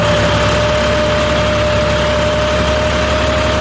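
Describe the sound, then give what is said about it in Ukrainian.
A farmer's tractor, used for mowing grass in a cherry orchard in Cherkasy region, Ukraine, runs with a loud, steady engine rumble, idling with a constant drone and a faint tonal hum, with no talking throughout. “Кожного ранку о 6-й годині я встаю і включаю зрошення саду та завожу свій трактор і кашу траву.”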